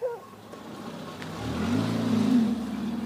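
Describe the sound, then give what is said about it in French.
A car engine rumbles and builds in a low, steady drone, rising as the car pulls off and drives away carrying two people, one of them a child, with no talking. “La voiture repart avec Johan et l'enfant.”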